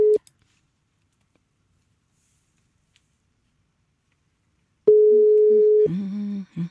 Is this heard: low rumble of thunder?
no